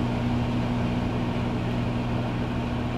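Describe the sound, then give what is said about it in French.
A microwave oven running for 10 seconds with a steady, even electrical hum and a low droning buzz, unchanging for the whole stretch, with no voices. “Ok, voilà, là vraiment vous écoutez la radio, vous avez passé une journée de merde, là vous écoutez un micro-ondes qui tourne.”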